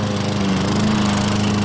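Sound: lawn mower engine running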